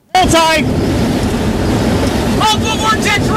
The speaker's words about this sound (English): That was Reed Timmer's storm chase team in Kansas today. Severe storms were affecting parts of the Midwest and plains.